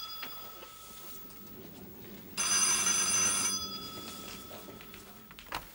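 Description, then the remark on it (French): A telephone in an office rings once in a short, bright metallic burst of about a second, fairly loud, then fades away with no voices. “Pardon, le téléphone.”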